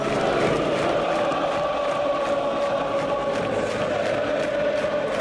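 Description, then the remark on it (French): A dense, steady roar from a football stadium crowd at the Nord derby, Lens vs Lille, at Bollaert in Lens, in stoppage time with Lens leading 1-0. Massed voices blend into a continuous loud wash with faint swells of cheering and chanting, sustained without a break. “Tu l'entends, tu arbitres un match chaud.”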